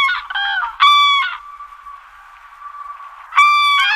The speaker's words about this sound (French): Lorsqu'elle se tient sur une seule patte, son allure gauche en fait un symbole de sottise et de maladresse. Quand je parle de grue, évidemment, c'est l'oiseau, hein, pas l'engin de chantier.